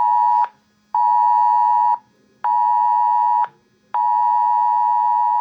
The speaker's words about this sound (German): Um 20.11 Uhr bekomme ich auf meinem Mobiltelefon ein Alarmsignal, verbunden mit einer Textnachricht des Zivilschutzes. Wegen starker Regenfälle und als Präventivmaßnahme ist jeglicher Ortswechsel zu vermeiden.